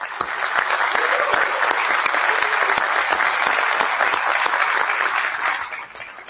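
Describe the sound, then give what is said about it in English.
Sustained applause from a sizable audience for two candidates, a dense wash of clapping at steady loudness for several seconds before tapering off slightly at the end. “So this time, let's have a round of applause for both of our candidates.”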